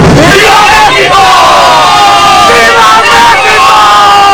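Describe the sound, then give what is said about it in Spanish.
A large crowd of thousands in the Zócalo of Mexico City roars the traditional independence cry in unison, marking 216 years, many voices shouting a sustained, rising and falling cry, loud and dense throughout with overlapping yells and cheers. “Los mexicanos celebraron 216 años del tradicional grito de independencia que dio inicio a la lucha que culminó con su liberación de la corona española.”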